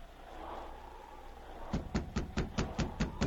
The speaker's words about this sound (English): Within a short time, he stood knocking on the cabin door.